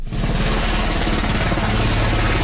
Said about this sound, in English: A Turkish military helicopter carrying survivors touches down at a dock where some are loaded onto gurneys.